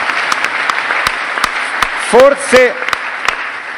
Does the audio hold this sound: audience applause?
yes